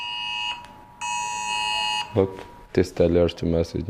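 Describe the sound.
A waiter's phone blares an emergency alert, a government test of a new warning system on people's mobile phones, in two loud, steady, high-pitched tone bursts with a brief gap between them, then a man starts speaking as the alert fades.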